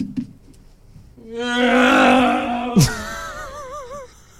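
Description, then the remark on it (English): A voice imitates a car engine revving as it goes past, showing the Doppler effect: a loud, sustained buzzy drone that cuts off with a sharp burst, followed by a wavering, warbling tone that fades away. “Yeah, this is how you do it. Ready? I'll show you the rev noise.”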